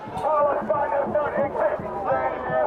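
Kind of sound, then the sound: crowd, crowd of protesters shouting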